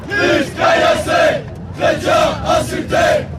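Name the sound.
crowd of protesters shouting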